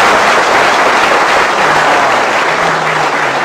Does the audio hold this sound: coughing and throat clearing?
no